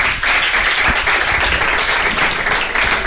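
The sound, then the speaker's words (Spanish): An audience breaks into applause, a dense, steady patter of many hands clapping that holds at a fairly loud level for a few seconds, with no one speaking over it. “Que no, por favor, si es que han hecho el amago de aplaudirle porque les ha gustado lo que ha dicho.”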